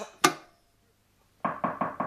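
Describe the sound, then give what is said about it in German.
A single sharp thump, a pause of silence, then four quick, evenly spaced knocks on a door, clear, with no voices. “Es hat geklopft.”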